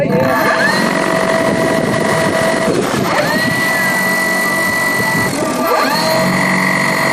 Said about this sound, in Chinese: 搭载复合传感器的科考无人机在格尔木市西南50公里的草场进行升空前最后的测试。